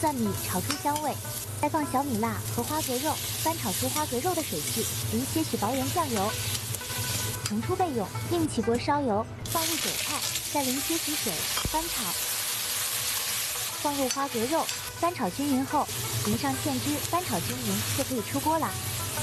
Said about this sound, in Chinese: 配料就准备屏幕上的这些，起锅放入五花肉丁，小火炒出油脂，然后放入姜。